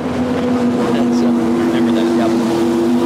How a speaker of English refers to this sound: This should be a wicked fast little boat. This has been an interesting boat to watch all weekend, …. There's not much to it. It's like a surfboard with a lot of horsepower. Yeah. It's the smallest boat that's running here